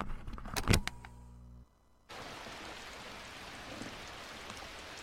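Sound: rain falling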